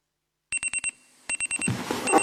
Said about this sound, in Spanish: El despertador.